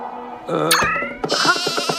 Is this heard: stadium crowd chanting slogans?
no